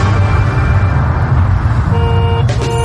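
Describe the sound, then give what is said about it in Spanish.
Steady low rumble of car engines in traffic, with horns honking over it; a sustained horn tone comes in near the end, fairly loud. “Millones de automóviles quemando petróleo, botando humo en nuestra casa común, que es la Tierra.”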